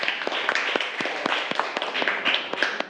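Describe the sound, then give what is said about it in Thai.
A group of children in a class claps together for a classmate who has just finished a demonstration with thread seal tape, at the teacher's request. A busy, uneven patter of many hands with sharper individual claps poking through, steady and moderately loud for the whole stretch. “ปรบมือให้เพื่อนก่อนนะคะเก่งมาก”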